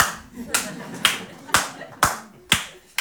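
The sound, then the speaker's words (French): Slow, steady clapping, six sharp claps spaced about half a second apart in an even rhythm, each one crisp and loud over a faint background murmur. “On peut l'applaudir.”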